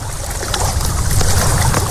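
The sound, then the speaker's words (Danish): Steady lapping water with a low rumble underneath, broken by scattered sharp pops and crackles of wood burning in a Sankt Hans (Midsummer Eve) bonfire. Fairly loud and continuous, with no voices. “Af noget vand og træ, der brænder.”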